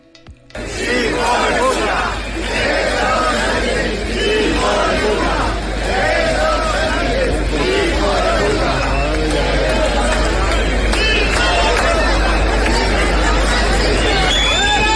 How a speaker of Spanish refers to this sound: Creo que no necesita mucha explicación ese abucheo, sí.